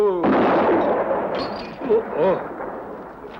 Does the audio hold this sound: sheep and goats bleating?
no